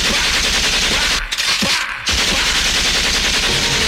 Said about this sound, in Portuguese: É o trabalhador que fica no meio do tiroteio. É tiro para todo lado.